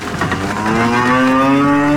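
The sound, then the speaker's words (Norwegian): A loud cow moo stretches out over about two seconds, a long low drawn-out bellow with steady harmonic tone, and no talking over it, as farmer Ole Petter Melhus's cows are let out of the barn after a long winter indoors. “For etter en lang vinter inn i fjøsen, kan kyren til bardebonden Ole Petter Melhus kjenne frisk rest under føttene igjen.”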